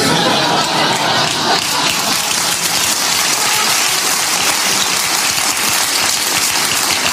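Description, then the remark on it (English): A loud, steady rush of gushing water from a fountain show in the desert fills the scene continuously, a dense hissing spray with a low churning rumble underneath and no pauses. “Other countries struggle just to have water. Here, we make it put on a show. In the desert, no less.”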